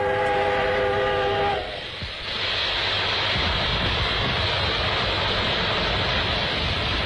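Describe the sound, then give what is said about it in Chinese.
A steam locomotive gives a short whistle as it pulls up and stops right beside a parked enemy ammunition train in a town after dark, then a loud, steady hiss of released steam and rumble of machinery fills the rest of the scene. No one speaks. “这时候天已经黑了，在城里，李向阳和同志们在铁路工人的帮助下，换上铁路工人的服装，乘着一台机车，紧靠着敌人停放的弹药列车站住。”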